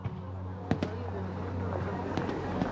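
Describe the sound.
Fireworks bang and crackle at a water festival in Stockholm, a handful of sharp pops in two loose clusters over a steady low rumble, with faint indistinct voices in the background.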